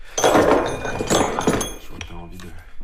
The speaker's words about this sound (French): Je vais sortir un autre marteau.